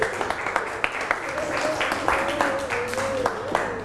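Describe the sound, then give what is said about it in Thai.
Scattered, uneven clapping from a group of children in a classroom lesson, applauding a classmate at the teacher's request: a handful of sharp claps spread across a few seconds, with a faint voice humming along underneath. “เก่งมากอ่ะอย่าปรบมือให้สุดหล่อแล้วก็นำเสื้อส่งไปข้างหลังเลยค่ะปรบมือให้เพื่อนลูก”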